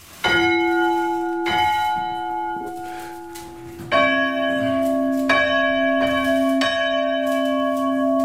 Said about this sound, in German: Und nur für mich lassen wir jetzt noch die Glocken läuten. Also, wir haben eine kleinere und eine größere Glocke. Welche machen wir? Erstmal die kleine.